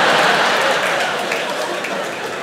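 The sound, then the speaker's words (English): Soft, scattered clapping from an audience for Xanax, a steady dense patter of many hands that stays subdued and slowly fades a little, with no cheering or voices standing out. “Very muted claps for Xanax.”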